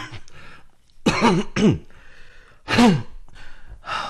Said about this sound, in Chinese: 伤基本上都痊愈了，咳嗽是老毛病。